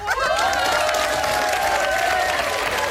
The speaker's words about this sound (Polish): Wszyscy się cieszą. Całe radio wiwatuje.